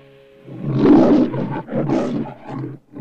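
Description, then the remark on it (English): A lion roars loudly in the Metro-Goldwyn-Mayer film studio logo, its head framed by golden reels of film: two long guttural bursts with a brief pause between, then a lower trailing growl. “A lion's head is framed by golden reels of film. Metro-Goldwyn-Mayer.”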